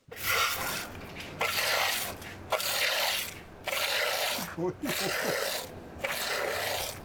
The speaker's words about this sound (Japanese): さあこれなんだかわかりますか？ すごい音ですね。なんか液体ですね。 そうです、羊の乳搾りです。 ああすごい。